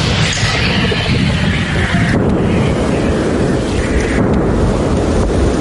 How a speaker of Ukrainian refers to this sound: вони відрядили у бік окупантів не одну сотню важких артилерійських снарядів. Постріл! Постріл! Постріл!